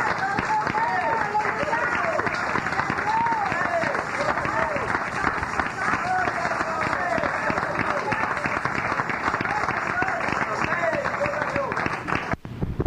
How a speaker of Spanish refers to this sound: Fuerte aplauso al Señor. Gracias, hermanito. Dios lo bendiga. Fuerte aplauso a nuestro Rey. Gloria a Dios.